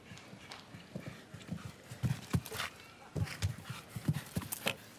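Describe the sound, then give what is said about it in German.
Rhythmic hoofbeats of a horse cantering across soft show-jumping arena footing toward a double combination in seven canter strides, a steady thudding cadence with occasional louder strikes, clear, with faint background murmur. “Jetzt noch diese Zweifache, die Ruhe mit 7 Galoppsprüngen.”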